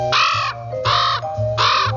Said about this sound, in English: No, his caws were more short and nasal.